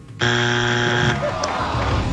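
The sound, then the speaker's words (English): A loud, harsh game time-up buzzer in a TV trivia quiz blares abruptly for about a second, a steady electronic tone rich in harmonics, then cuts off and leaves only low background noise. “Oh, at the buzzer.”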